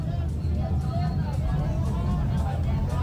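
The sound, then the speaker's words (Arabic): A dense crowd of Mexican football fans in front of the stadium, waiting to enter for the World Cup opening in Mexico in hot weather, murmurs continuously, a steady wash of overlapping voices and low rumble with no single speaker standing out, holding the same level from start to finish. “نخليكم مع هذه الصور متاع الجماهير هذية كما تشوف من أمام الملعب, هذوما الجماهير يعني في انتظار الدخول.”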